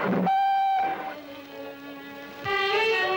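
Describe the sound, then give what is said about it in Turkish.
A train sounds its whistle as it prepares to depart: loud, sustained tones that shift pitch in three blasts over a few seconds, with no voices. “Trenim kalkıyor.”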